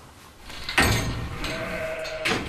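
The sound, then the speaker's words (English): A newborn lamb, just born in the middle of the night, bleats in wavering, high-pitched calls that rise sharply near the start and swell again at the end, sounding clear against faint background noise. “So it's the middle of the night, and there's been a lamb I just saw on the CCTV camera that's just been born here.”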